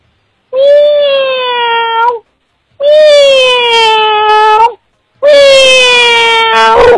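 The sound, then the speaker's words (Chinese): A human voice imitates a cat's meow with three long, drawn-out, wailing calls, each about two seconds, loud, separated by brief pauses. “小鸭子。还是猫。”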